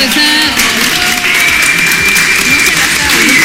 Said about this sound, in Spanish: Un aplauso.